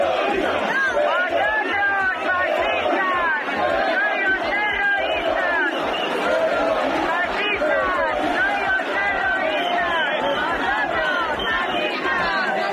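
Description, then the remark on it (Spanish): A group of protesters at the Government Delegation shouting over one another as they try to attack a Radio Televisión Española crew and a camera operator, a dense, continuous roar of raised voices with no pauses, loud and agitated throughout. “Tensión con un grupo específico de manifestantes que gritó e intentó agredir a los compañeros de Radio Televisión Española y a un cámara.”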